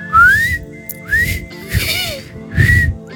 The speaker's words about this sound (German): Ich muss nochmal pfeifen lernen. Das geht nicht.